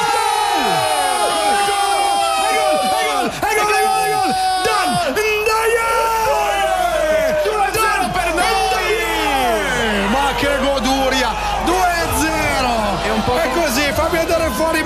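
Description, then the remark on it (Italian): A huge stadium crowd roars and cheers without pause, countless voices yelling, whooping and bellowing together in a loud, dense wall of sound with sliding, overlapping pitches. “Senti che delirio!”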